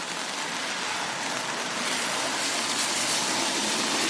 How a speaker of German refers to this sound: Ja, also ich bin immer nicht gut, die Physik dahinter zu erklären, aber ja, auf jeden Fall sind Autos auf einer nassen Straße extrem viel lauter.